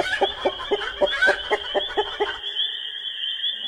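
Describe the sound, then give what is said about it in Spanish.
A hen clucks in a quick, steady series of about nine short clucks, then falls silent while a thin, high sustained tone carries on in the background. “Agarró el cuchillo y fue a buscar el ingrediente principal: la gallina.”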